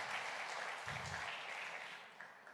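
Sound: audience applause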